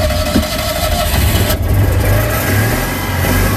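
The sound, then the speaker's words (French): A 1979 Citroën Yann 6 car engine drones loudly and steadily while driving at about 70 or more, its low growl rising slightly as it revs and vibrating the interior, with road and wind noise filling the background and no voices. “Je vous présente ma voiture, donc c'est une Citroën Yann 6 de 1979.”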